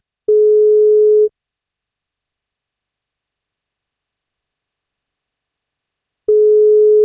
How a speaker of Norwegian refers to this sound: men da må hun svare når vi ringer.